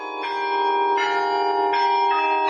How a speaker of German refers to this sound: Den Glockenklang über ganze 3 Oktaven hinweg kann man jetzt aber nur noch unterhalb des Turms hören.